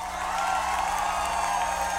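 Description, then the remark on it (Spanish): Steady, dense applause from a crowd for the maestro after a single take, a continuous wash of many hands clapping at an even loudness throughout, with no voices standing out. “Un aplauso al maestro Sergio, una sola toma.”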